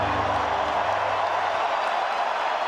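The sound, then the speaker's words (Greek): A large crowd in a Los Angeles football stadium fills the space with a steady, dense wash of warm applause and murmuring as Iran's national anthem nears its end, continuous and fairly loud throughout, with a low hum underneath for the first half. “Από τις εξέδρες ακούστηκαν αρχικά έντονες αποδοκιμασίες από μερίδα δυσαρεστημένων φιλάθλων, ωστόσο όσο πλησίαζε στο τέλος του, το κλίμα άλλαξε με το γήπεδο να σπάει από θερμό χειροκρότημα.”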